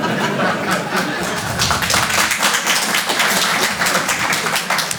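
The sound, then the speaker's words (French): A Paris audience breaks into applause to answer a poll on who thinks there are not enough immigrants in France, a dense, steady patter of many hands clapping at even loudness for several seconds, with a few scattered chuckles mixed in. “Par applaudissement, qui pense qu'il n'y a pas assez d'immigrés en France ?”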